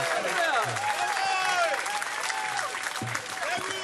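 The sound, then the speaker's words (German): An audience applauds a performing act, a band, steadily, dense clapping filling the whole stretch at an even loudness, with cheers and excited voices rising and falling through it. “Applaus für …,”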